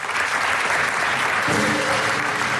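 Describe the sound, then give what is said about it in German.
A crowd claps steadily in sustained applause for the finale, dense and fairly loud throughout, with a faint tonal hum entering partway through beneath the clapping. “Und die kriegt einen großen Applaus für das Finale hier, was wir auf die Böen haben.”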